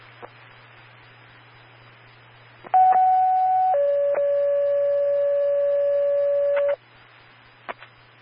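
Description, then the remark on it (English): A two-tone radio pager alert for fire dispatch from a county sheriff's office, paging a unit to a pendant-press lifeline alarm call for an 82-year-old man: a brief high steady tone steps down to a longer, lower one, loud and clear for about four seconds over faint radio hiss and clicks. “Sheriff's Office with a page for Eagle River 91.”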